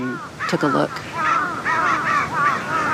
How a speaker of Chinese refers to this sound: 几分钟后，乌鸦发现了地上的尸体，现场顿时混乱起来。他们的叫声明显发生了变化。 乌鸦现在发出的似乎是警报声，之前的警报也吸引了附近的乌鸦过来查看。